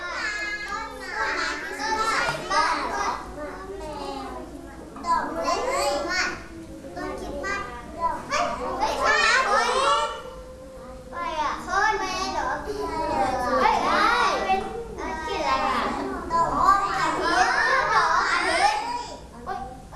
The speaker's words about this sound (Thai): เด็กๆ เสียงดังแบบนี้เพื่อนๆจะมีสมาธิไหมคะ